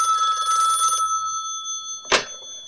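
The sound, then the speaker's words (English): A telephone bell rings loudly in one trilling burst of about a second, its tone lingering faintly before a sharp click, like a receiver being picked up. No one speaks. “Hey, man, I told you to use my pager only. No phone calls, remember?”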